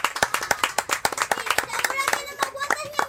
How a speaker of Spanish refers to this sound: ¡Un aplauso para los profes!